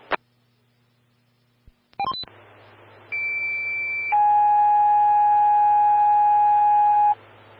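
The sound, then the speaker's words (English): Fire dispatch alert tones for Evergreen Fire Station 2, Medic 122, Bravo and Engine 132, call 2, dispatching to a fall at Elk Run Assisted Living: after a click and a quick chirp, a steady high tone holds for about a second, then drops into a loud, lower sustained tone lasting about three seconds over faint hum. “Stand by for tones, call 2.”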